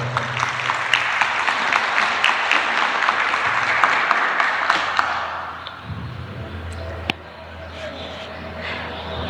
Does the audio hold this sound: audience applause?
yes